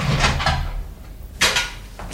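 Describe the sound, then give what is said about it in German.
A few sharp mechanical clicks and clunks, with a louder knock midway, as someone unlocks a door, like a key turning in a lock, and pushes it open into a small room with a narrow hospital bed. “Da hörte ich jemand die Tür aufschließen.”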